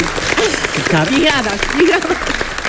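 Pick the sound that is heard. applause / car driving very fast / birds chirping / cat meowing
applause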